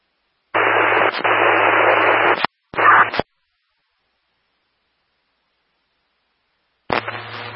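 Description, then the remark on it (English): Bursts of harsh static on a radio dispatch channel crackle loudly: a long hiss of about two seconds, a short second burst, then silence before another static burst starts near the end. “LK-34, if that was you, all I got was static.”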